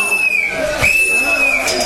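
A person whistles one long, steady high note that dips briefly in pitch partway through, while someone else is speaking, heard clearly over a low, busy background murmur.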